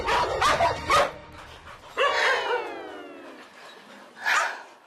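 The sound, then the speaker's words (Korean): Dogs, among them Mary, a dog that does not get along with dogs from other kennels, break into a sudden fight, erupting in harsh, snarling barks, followed by a long, high yelp that slides downward, then one more sharp bark. The scuffle is loud and frantic, with no talking. “다른 견사의 강아지들과도 잘 지내지 못하는 메리.”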